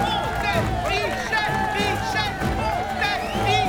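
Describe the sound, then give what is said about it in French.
A dense, frenzied crowd that has arrived from all corners of the country roars continuously, whistling and shouting a man's name, with many overlapping voices shouting and cheering at once, loud, with high calls rising and falling over the din. “Une foule en délire, arrivée des quatre coins du pays, siffle et crie le nom de celui qui, au nom de l'humanité, veut prendre la place d'un boulet de canon.”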